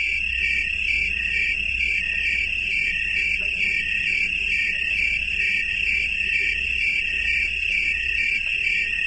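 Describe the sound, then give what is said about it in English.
A steady, continuous high-pitched trill of green, slender tree crickets, made by rubbing a series of ridges on one wing against a scraper on the other wing, dense and unbroken for the whole stretch, with a faint low rumble of background hum beneath it and no voices. “They make the sound that you're hearing by rubbing a series of ridges on one wing against a scraper on the other wing, something like the sound you'd make by running your finger across the teeth of a comb.”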